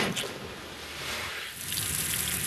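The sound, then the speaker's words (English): A steady, forceful rush of water pours through a hose from a hydrant into a fire truck as firefighters fill up just outside Pfeiffer State Park. It is a loud continuous hiss and gush with no pauses and no voices. “Just outside Pfeiffer State Park, firefighters are fueling up trucks and hooking their hoses up to hydrants, sucking in thousands of gallons of water.”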